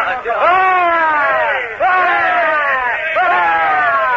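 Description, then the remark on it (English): A group of men roars three loud, sustained cheers for their host, the Commodore, in quick succession, each shout swelling together in unison before breaking off for the next. “You hear, men? three cheers for our host, the Commodore.”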